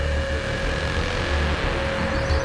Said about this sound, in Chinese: 大哥，快看，小日本的卡车。